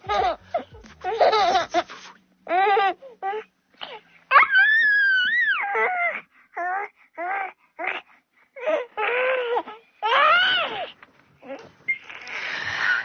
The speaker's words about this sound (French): Le rire des bébés qui fait immanquablement rire les adultes, alors surtout quand on se regarde hein, en même temps qu'on rigole.